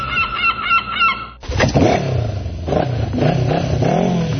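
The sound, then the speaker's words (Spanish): A loud motorcycle engine revs, its pitch rising and falling in repeated surges, right after a brief burst of harsh, honking tones at the start. “¿Vas en motocicleta?”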